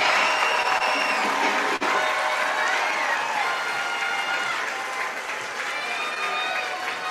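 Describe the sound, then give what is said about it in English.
A big stadium crowd at a baseball game roars and applauds continuously as two runs score on a single to put the Scrappers ahead 8-6, a dense wash of cheering and clapping that stays loud throughout, with faint voices mixed into the din. “Big roar from the crowd.”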